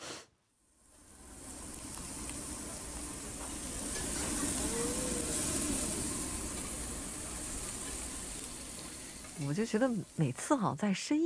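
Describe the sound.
Meat sizzles steadily on a barbecue grill as friends grill together at the final barbecue meal of a trip, a continuous crackling hiss that swells slightly in the middle, with people's voices chattering in the background toward the end.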